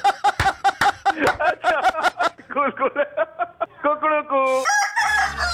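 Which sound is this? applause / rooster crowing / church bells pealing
rooster crowing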